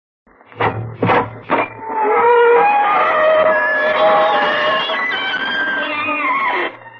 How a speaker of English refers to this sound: This is your host to welcome you through the creaking door into the inner sanctum.